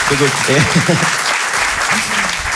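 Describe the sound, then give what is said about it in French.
A crowd bursts into steady, loud applause that fills the whole moment, with a few voices whooping and cheering over the clapping. “Un applaudissement.”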